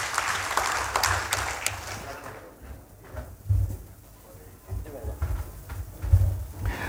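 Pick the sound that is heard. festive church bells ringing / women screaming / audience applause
audience applause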